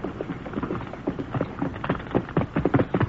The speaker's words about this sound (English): Quiet. That horse is coming.